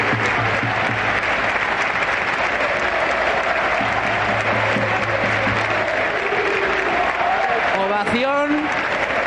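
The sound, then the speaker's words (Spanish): A stadium crowd at the Martínez Valero, Elche, applauds steadily as Mikel Oyarzabal receives a golden plaque with the Elche crest, a dense, loud wash of clapping and cheering that holds throughout, with a brief rising whistle-like tone near the end. “Así suena el Martínez Valero mientras le dan una placa dorada con el escudo del Elche a Mikel Oyarzabal Ugarte.”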